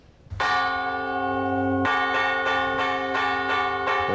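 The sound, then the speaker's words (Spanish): A civil church bell rings out loud, sounding a toll to warn of a fire: two slow strikes, then rapid, urgent repeated strikes with long ringing overtones and no voices. “Para incendios. Creo que tenemos por ahí el sonido.”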